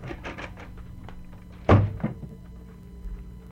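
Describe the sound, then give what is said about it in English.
A door is opened and pushed shut, landing with a single solid thunk followed by a softer knock a moment later, with faint shuffling beforehand and no talking. “Where's this door you were talking about? Well, it's right over there.”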